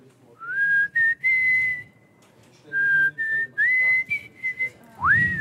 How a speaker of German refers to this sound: Es gibt ja nicht viele, die sich trauen zu pfeifen.